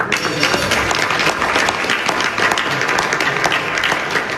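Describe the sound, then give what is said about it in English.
Sustained applause, led by French President Emmanuel Macron, at a dinner for G7 leaders at the Palace of Versailles after President Trump signs a US-Iran Memorandum of Understanding, a dense, steady wash of many hands clapping at once, fairly loud, with no talking over it. “French President Emmanuel Macron leading the applause there. But now, the clapping has stopped.”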